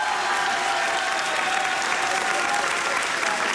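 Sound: audience applauding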